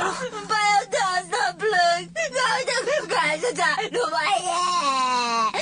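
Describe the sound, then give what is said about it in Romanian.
A high, wavering voice cries and whimpers in a run of quavering, sobbing wails, loud, with a steady low hum underneath. “Nu mai plânge.”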